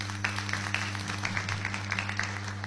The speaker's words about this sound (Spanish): Fuertes los aplausos.